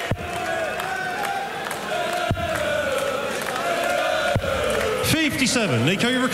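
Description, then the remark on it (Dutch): A crowd at a Euro Tour event outside Germany cheers loudly and steadily for Nico Springer as he takes the stage, with a dense wash of voices and shouts, and sweeping whistles rising and falling near the end. “En ook al zijn we niet in Duitsland, wordt hij gewoon toegejuicht.”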